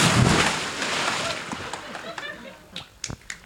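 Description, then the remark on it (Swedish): A loud, broad splash as someone jumps into water that is 23 degrees Celsius, followed by churning, sloshing water and a few sharp drips and slaps as it settles. “Men du får hålla i micken så hoppar jag i här nu då.”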